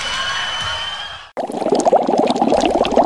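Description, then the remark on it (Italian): A steady hiss with a faint tonal whine breaks off abruptly, then water boils in a pot, churning and bubbling loudly and continuously with no voices. “Vieni un po' che l'acqua sta bollendo, così butto i ravioli.”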